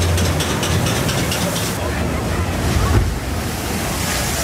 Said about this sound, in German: Oh, ganz schön nass geworden im Boot bei den beiden Abfahrten.